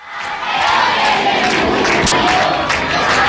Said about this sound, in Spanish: la gente además gritando claramente, Isabel Pacheco, Luis de la Fuente, es lo primero que se ha escuchado.